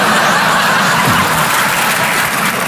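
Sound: audience applause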